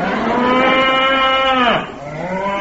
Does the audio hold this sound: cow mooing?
yes